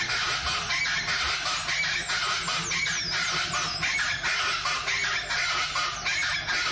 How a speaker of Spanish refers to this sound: Qué hermoso. Es un quilombo la charata esta. A ver cómo canta, la primera vez que lo escucho. Charata, dice.